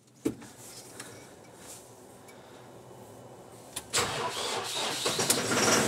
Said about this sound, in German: Jetzt muss aber auch der Trecker mitspielen. Sagen wir mal gucken, ob der anspringt jetzt hier bei den Temperaturen.